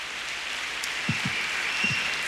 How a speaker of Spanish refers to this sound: Si le va a dar ese aplauso al Señor, déselo más fuerte. Aleluya.